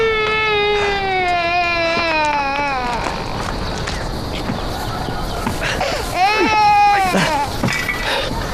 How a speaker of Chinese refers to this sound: 没事没事，孩子哭了啊，你弄好回来。